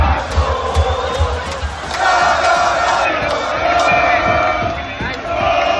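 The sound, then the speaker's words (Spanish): A large street crowd at the Puerta de Jerez in Seville, Spain, cheers and chants in a night-long celebration of the Spanish national team winning its second star, a loud, continuous roar of many voices with scattered shouts and whoops rising above it throughout. “Sonidos de la Puerta de Jerez en Sevilla que se han repetido en toda la comunidad, que desde ya presume de contar con tres andaluces que han logrado la segunda estrella para la selección española.”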